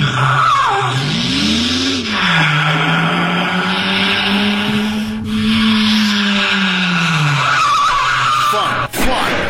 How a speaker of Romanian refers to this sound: Vezi ce ai făcut? Vezi? Ce? Nu era cazul să frânezi pe șoseaua udă. Am frânat când te-ai agățat de volan.